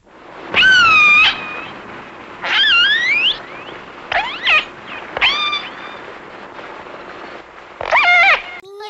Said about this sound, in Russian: А вот услышанный подводным микрофоном голос кита касатки.